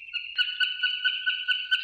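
A barn swallow calls in a steady, high twittering stream, punctuated by short sharp chirps and clicks every fraction of a second, clear with no talking; recorded in Bursa by Ensar Ertekin and shared in eBird's Macaulay Library.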